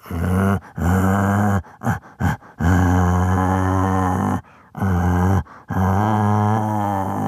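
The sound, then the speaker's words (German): A man who can imitate over 200 animal voices imitates a bear with deep, rumbling growls delivered in several long, loud bursts separated by short breaths, with no other sounds. “Oder ein Bär.”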